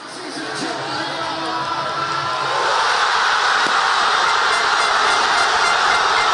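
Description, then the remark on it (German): A huge crowd of football fans at a public viewing in Buenos Aires roars and cheers over an extra-time winning goal, the noise swelling louder after a couple of seconds into a sustained, dense wall of shouting with scattered voices rising above it. “Hören wir mal rein, ne, wie das klang in Buenos Aires beim Public Viewing.”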